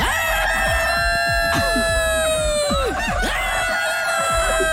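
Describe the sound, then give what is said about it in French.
A rooster lets out one long, loud crow, holding the note before it drops off at the end, with scattered clucks and clatter around it and no talking. “Si le coq pouvait parler, qu'est-ce qu'il dirait?”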